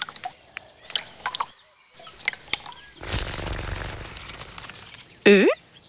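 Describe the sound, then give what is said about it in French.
The wings of a red ladybug with black spots buzz as it lands on a leaf holding a water drop, a soft, rustling whir lasting over a second, set against a steady high-pitched insect trill and scattered clicks, then a brief bright chirp near the end. “Tiens, une coccinelle. Tu entends ses ailes?”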